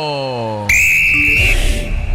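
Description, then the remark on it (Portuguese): A referee's whistle sounds one loud, steady blast of just under a second to start the second half of an Atlético football match at the Castelão stadium, preceded by a brief low droning tone and followed by rumbling crowd noise. “Apito árbitro!”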